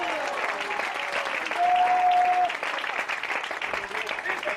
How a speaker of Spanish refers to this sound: Un fuerte aplauso al Cristo de la Gloria en esta hora.